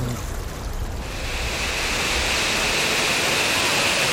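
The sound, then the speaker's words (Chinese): A waterfall with a large flow rushes in an underground cave in China, a dense, steady roar of pouring water that swells louder after the first second and stays continuous, with no voices. “哇哇，这边又有瀑布。 哇，这个水流挺大的。”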